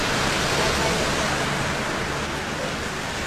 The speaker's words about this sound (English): Yes. As mentioned, some beautiful rain here in Tennant Creek, coming around 2 p.m. yesterday afternoon. Now, only about the mill of rain was recorded, but in the moment, it felt like it was coming down pretty quick and fast here.